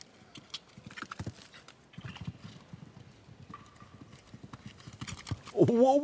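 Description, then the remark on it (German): Steady, rhythmic thuds of the hooves of the horse Quito de Mariposa, ridden in a timed round and galloping a long stretch, repeating quickly throughout, with a faint voice in the background and a louder vocal sound rising at the very end. “Da hat aber wirklich die Galoppade lang gemacht hier.”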